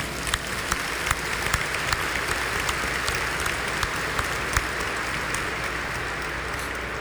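An audience assembled in a sanctuary claps warmly and steadily in welcome, a dense wash of many hands with sharper individual claps popping out, sustained at an even level throughout with no voices.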